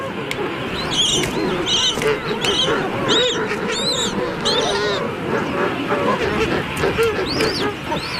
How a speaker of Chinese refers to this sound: 青鸟听到了雏鸟的叫声，迅速赶来保护它。